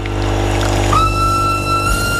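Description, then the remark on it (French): A low engine-like rumble runs throughout, then about a second in a loud train whistle sounds, holding one steady, bright pitch without a break until the end. “Ouais, il est peut-être un peu fort ce sifflet de train.”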